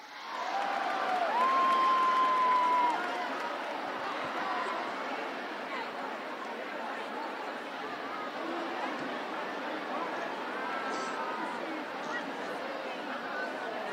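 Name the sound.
audience applause and cheering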